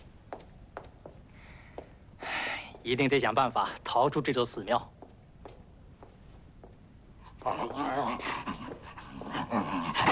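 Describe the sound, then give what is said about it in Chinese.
A dog barks and whines in two loud stretches of rapid, yelping vocalizations, separated by a quieter pause with faint clicks and shuffling. “房间里，一个是米格尔留给他的哑巴仆人华金，一个是只会汪汪叫的刺客。”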